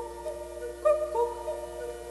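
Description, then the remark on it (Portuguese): A cuckoo calls with soft, hooting two-note phrases, each note falling in pitch, repeated a few times over a faint steady background, fairly quiet. “Começam a brincar de fada rainha quando ouvem um cuco e começam a imitá-lo.”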